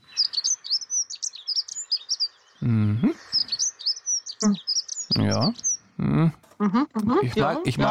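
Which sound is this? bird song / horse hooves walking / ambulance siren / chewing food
bird song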